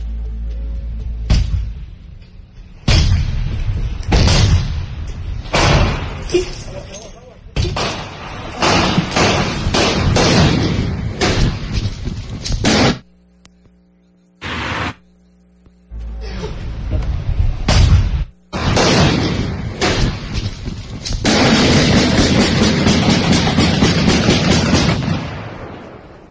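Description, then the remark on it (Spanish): Heavy, repeated thuds of a tactical battering ram pounding a metal door during a police search raid, loud in uneven bursts, followed by a brief lull and then a sustained clattering burst at the end. “Y vamos a escuchar, Marcos, cómo era cuando el momento de llegar al cateo, cómo están derribando con el ariete táctico la chapa y cómo los agrede a los elementos, a los uniformados, a balazos este hombre.”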